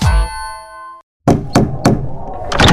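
A bright ringing tone fades out, then after a brief silence come several firm, hollow knocks on a door, spaced about a third of a second apart, ending in a quick flurry of raps.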